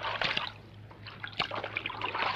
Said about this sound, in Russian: Обезьяна стирает полотенце в наполненной водой ванне. Выжимает.